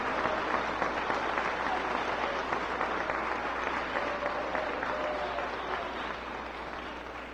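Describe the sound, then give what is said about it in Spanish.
Sustained, dense applause from a large crowd giving applause to the Lord, steady and loud for several seconds before gradually tapering off slightly at the end, with no speech over it. “Si le va a dar un aplauso al Señor, déselo.”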